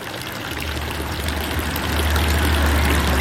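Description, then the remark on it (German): Steady splashing of water from the village fountain in Brienz in the Albula valley on a cold, foggy October morning, a continuous trickle and patter that swells slightly louder over a few seconds, with a low hum underneath and no voices. “Und der Dorfbrunnen plätschert friedlich vor sich hin.”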